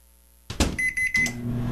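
A microwave oven starts up with a thump and hum, a bright electronic beep tone sounding in short bursts over its steady running drone, fairly loud with no voices.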